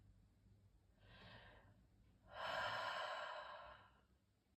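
A single breath cycle: a short soft inhale followed by a longer, louder exhale that trails off, with no talking.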